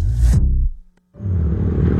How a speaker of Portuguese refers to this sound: Amor, ouviu essa moto? Deve ser um entregador.